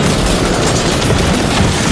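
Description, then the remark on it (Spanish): A loud, harsh blast of laser-gun fire, a dense, crackling roar that fills the whole stretch at a steady level, with no one talking: a shot from a laser sniper. “Yo he escuchado un disparo. Era un francotirador de láser.”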